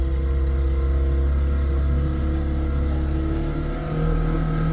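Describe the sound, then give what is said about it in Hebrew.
A motor engine sound effect revs steadily and loudly, its low droning hum holding strong with slight rises and dips in pitch throughout, with no voices. “שמת לי רעש של צירת מנוע.”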